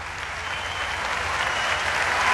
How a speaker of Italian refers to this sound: Grandi applausi da parte dell'Arena di Verona